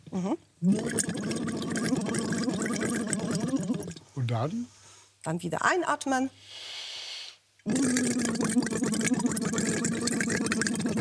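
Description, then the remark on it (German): Bursts of bubbling water from someone blowing through a tube held lightly on the tongue, trying to make a tone, the gurgling mixed with a hummed voice tone. The bursts come in several fairly loud stretches, with people talking between them. “Wir nehmen einfach das in den Mund, legen das ganz leicht auf die Zunge. Und blubbern da rein.”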